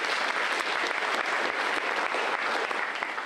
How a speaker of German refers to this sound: Danke an die Eltern, die das unterstützen, die seit dem ersten Moment. Dieser Applaus ist von mir für euch.